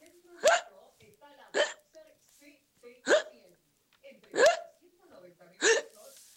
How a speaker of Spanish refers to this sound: Quiero grabar mi hipo.